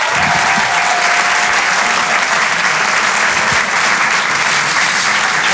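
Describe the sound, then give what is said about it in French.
A large audience at the Rire et Chanson Comedy Club claps steadily and loudly for several seconds for comedian Sébastien Marx, a dense, continuous wash of applause with no one speaking over it. “Faites du bruit s'il vous plaît et un tonnerre d'applaudissements pour Sébastien Marx.”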